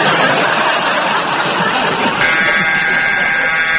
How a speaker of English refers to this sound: And that very attractive, very long buzzer means that's the end of that round and it is the end of tonight's programme.